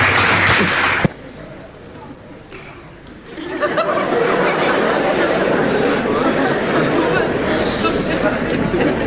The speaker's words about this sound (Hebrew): פה אנחנו נכניס מחיאות כפיים של קהל במקום אחר.